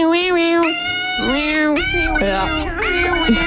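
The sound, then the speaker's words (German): A dog gives a string of high, drawn-out whining cries that sound strikingly like a cat meowing, several wavering calls back to back, loud with no other sounds. “Oh, es ist ein Hund.”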